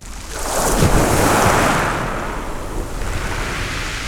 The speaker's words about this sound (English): Here in Saint-Léonard-on-the-Sea, I recorded properly my first waves. And I'm amazed that waves, like air waves, produce traces in infinite ways. I'm on the edge of the shore, and I contemplate the infinite horizon, an horizon of wave traces.